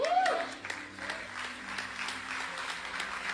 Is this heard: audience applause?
yes